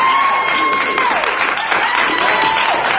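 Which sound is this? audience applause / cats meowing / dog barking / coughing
audience applause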